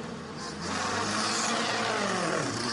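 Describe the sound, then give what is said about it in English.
Race car engines pull away along the pit lane on the pit lane speed limiter, passing a pit lane team, in a steady, loud drone, a low buzzing tone with rising and sliding harmonics as one car follows another, no talking over it. “I just want to let you hear the variety of cars, even on the pit lane speed limiter, as they pull away past our pit lane team.”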